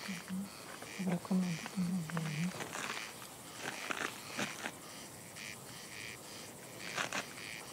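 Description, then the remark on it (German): A corncrake calls at night: dry, rasping, insect-like double rasps repeated in an uneven rhythm. A low droning tone runs underneath during the first couple of seconds. “Ungewöhnlicher Ton. Ja. Da wissen selbst viele Landwirte nicht, dass es ein Vogel ist. Halt nur für ein Insekt.”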